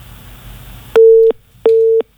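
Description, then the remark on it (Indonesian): Two loud, steady electronic tones of equal length sound one after another, each followed by a short gap, the repeating pattern of a telephone busy signal with a call that fails to connect. “Iya, sayang sekali ya, bisa dicoba lagi nanti di line telepon kami.”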